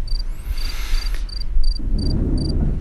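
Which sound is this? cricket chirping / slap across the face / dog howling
cricket chirping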